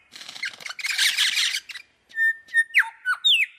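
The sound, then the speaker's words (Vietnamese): Birds call to their flock in the morning in forest beside the Bau Sau wetland in Cat Tien National Park, Vietnam, with raspy, noisy squawks followed by a run of clear, bright whistled notes and sliding chirps, fairly loud, with no voices. “Buổi sáng ở Vườn Quốc gia Cát Tiên, từ những cánh rừng ven vùng đất ngập nước bầu xấu, tiếng chim gọi bầy hòa cùng tiếng lá rừng.”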